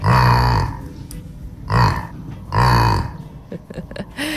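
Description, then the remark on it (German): A young cow named Lissy grunts three times on a farm in low, throaty bursts, each about half a second long and evenly spaced, followed by softer rustling and shuffling noises. No one speaks. “Anna Seidel aus Ebstorfer Grund-Rosbach hat uns dieses niedliche Grunzen hier von ihrem Jack Lissy geschickt.”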